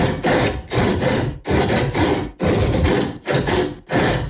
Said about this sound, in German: Hey, wir haben uns sowas von die Sägespäne und Zähne ausgebissen beim unserem Sägesong. Ich spiele ihn dir jetzt noch mal kurz an und dann drücken wir dir alle Daumen.